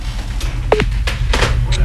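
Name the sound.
phone dialing tones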